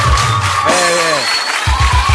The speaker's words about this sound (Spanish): y por supuesto a ustedes, fuerte el aplauso a ustedes mismos que han venido a compartir esta grabación con nosotros.